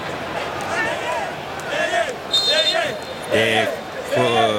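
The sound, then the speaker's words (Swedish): A stadium crowd of Congolese football fans chants and sings in loud bursts while jumping and bouncing, over a constant roar of noise, with dull thumps from the rhythmic jumping, during a football match against England. “Kongofans som hoppar och studsar och sjunger.”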